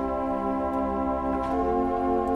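A sustained organ chord on a gamba stop, whose very narrow pipes give an undulating tone, thin and string-like with bright, rich overtones, holding steady at an even volume with a slight wavering shimmer. No voices.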